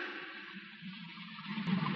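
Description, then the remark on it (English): Rushing water roars steadily down inside a mountain that has burst open, a continuous hollow wash of noise that swells slightly louder toward the end, with no voices present. “The mountain's busted open down there. How do you like it? Isn't that great? Listen to it.”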